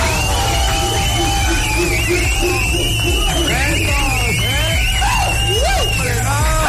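A loud, dense crowd cheers and whoops, with high-pitched shouts and whistles rising and falling over a steady roar of clapping that fills the whole stretch.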